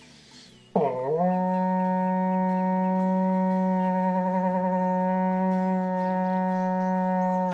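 A berrante cattle horn sounds one long, loud, brassy blast that swoops up in pitch at the start, then holds a steady low, buzzing tone with a slight waver until the end.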